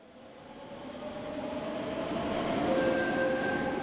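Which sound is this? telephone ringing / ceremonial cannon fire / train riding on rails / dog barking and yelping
train riding on rails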